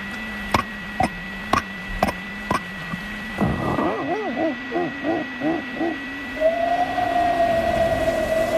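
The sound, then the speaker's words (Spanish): A person imitates a dolphin with their voice: a steady run of sharp clicks, then a string of short, warbling squeaks, ending in a long, high, wavering whistle. No words are spoken. “Mira, joder, mar y todo, te puedo hacer un delfín.”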